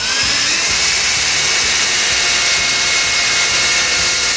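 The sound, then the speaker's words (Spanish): A power drill whines loudly and steadily for several seconds, a harsh high-pitched motor noise with no pauses and no voices. “¿Por qué el vecino del tercero coge el taladro un domingo a las 8 de la mañana?”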